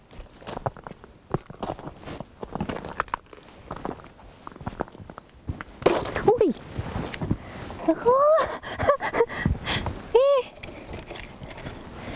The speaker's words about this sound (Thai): ตอนนี้น่าจะถึงใจกลางของแม่น้ำแล้วฮะเราสามารถเดินบนแม่น้ำได้โดยไม่ต้องใช้เรือแต่ว่าเดินเป็นเพนกวินนิดนึงนะเพราะมันลื่นเดินได้ทีประมาณ10เซนอ่ะการเคลื่อนไหวช้ามากตอนนี้